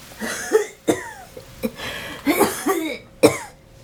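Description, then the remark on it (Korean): Several harsh coughs in quick, uneven bursts, loud, with short rough breaths between them and no speech, heard from inside an old, run-down countryside house. “집안에서 기침 소리가 들렸다.”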